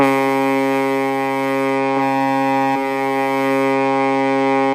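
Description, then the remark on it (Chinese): A harbour signal horn at the Dalian Bay fishing port in China blares at 12 noon on September 1 as the order to start the fishing season, one long, unbroken blast, a loud, low, brassy drone that holds steady for about five seconds, wavering slightly twice midway, with no voices. “好的，现在已经是12点整了，我们已经听到了港口下达了开渔指令啊。”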